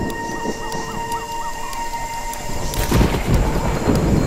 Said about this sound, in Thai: พายุกำลังก่อตัวป่าของสิงคโปร์อาศัยปัจจัยสำคัญเพียงอย่างเดียวนั่นคือฝนน้ำคือโลหิตที่ให้ชีวิตป่าน้ำฝนกว่า800 ล้านลิตรตกลงมาได้ภายในไม่กี่ชั่วโมง